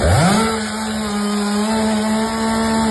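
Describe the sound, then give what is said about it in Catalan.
A chainsaw used by cleaning and gardening workers in L'Hospitalet de Llobregat, cutting trees felled by a sudden downburst, revs up to a steady, loud buzzing drone with a strong low hum and bright harmonics, running continuously without pause and with no voices. “I això que sentiu són els treballs dels operaris de neteja i jardineria a l'Hospitalet de Llobregat després del sorpresiu esclafit que va durar uns minuts i va provocar la caiguda d'arbres.”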